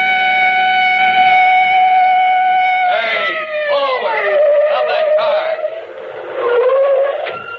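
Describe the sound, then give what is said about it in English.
A police car siren wails loudly and steadily from behind a car, then its pitch rises and falls in wavering sweeps, staying prominent throughout. “that siren. It's a police car behind us.”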